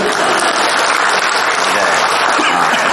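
A crowd applauds steadily after a performer invites them to clap, a dense, continuous wash of many hands clapping at an even loudness for the full three seconds, with no voices standing out.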